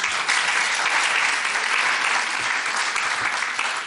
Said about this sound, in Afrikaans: Geef hom 'n lekker hande klap.